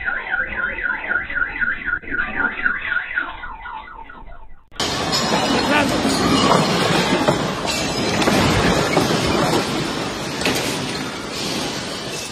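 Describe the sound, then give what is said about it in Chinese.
A strong earthquake in Caracas recorded by a home security camera: a warbling car alarm sounds for a few seconds, then is abruptly replaced by a loud, steady roar of rumbling and rattling as the building and its contents shake, with no talking. “加拉加斯居民家中的监控摄像头记录了强震来袭的瞬间。”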